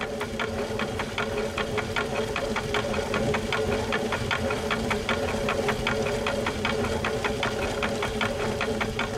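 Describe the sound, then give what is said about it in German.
A steady mechanical rumble with a fast, regular knocking rhythm from a water mill's wooden turbine wheel turning and driving millstones grinding maize, continuous and fairly loud throughout with no voices. “Immer wieder hat er das hölzerne Turbinenrad repariert, das die Mühlsteine zum Mahlen bringt.”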